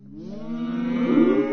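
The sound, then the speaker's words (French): A single long, low cow moo as cows are being fed, swelling steadily over about a second and a half, rich in harmonics and growing slightly louder toward the end, with no talking. “Allez, maintenant on va nourrir les vaches.”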